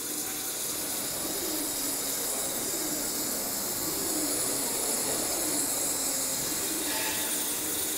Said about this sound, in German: Geschmeidig und gleichmäßig gleitet der Strahl, ein Wasser-Quarz-Sand-Gemisch, durch das Material.